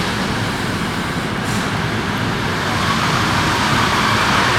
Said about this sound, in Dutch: daar komt echt een treintje met Jan binnen. Ja, de hondenkop.